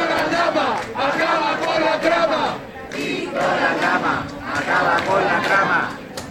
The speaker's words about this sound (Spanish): vitoreado en la calle de esta manera.